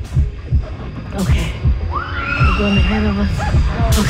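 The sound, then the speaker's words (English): An ominous, steady heartbeat played through hidden speakers at the start of a haunted trail attraction thumps in low, repeating pulses throughout, joined midway by higher gliding tones and brief sharp noises layered over the rhythm. “An ominous, steady heartbeat is pumping through hidden speakers, signaling the start of our haunted experience.”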